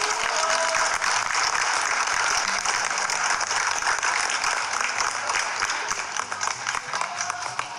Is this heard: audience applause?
yes